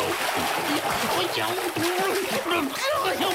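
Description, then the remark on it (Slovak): A loud, sustained splash and churning of cold water as someone jumps in, with a voice talking over the sloshing throughout. “A skočil do vody.”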